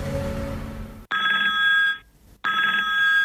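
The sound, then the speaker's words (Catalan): A telephone rings twice with a bright, trilling electronic tone, each ring about a second long, separated by a short pause; a low rumble of background sound precedes the first ring. “hem detectat un telèfon sospitós a la Seu cada migdia, de dilluns a divendres, i truca un munt de gent que fan respostes molt random i després, a sobre, els hi donen premis.”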